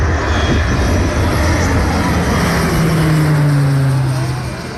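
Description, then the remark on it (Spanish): A cargo plane on the ground gives off a steady, loud engine roar with a broad rushing hiss and a low tone that slowly glides in pitch, easing off slightly at the very end. “Este es el sonido que dejaba un avión de carga en tierra hace unos minutos.”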